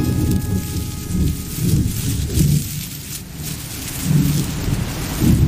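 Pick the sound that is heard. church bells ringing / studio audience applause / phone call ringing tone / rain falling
rain falling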